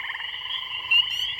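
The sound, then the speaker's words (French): A dense chorus of frogs and toads croaking continuously, many voices overlapping into a steady trilling drone, moderately loud, with no speech. “Les batraciens, des grenouilles, des crapauds, parmi quelles espèces vous avez vu s'effondrer les populations”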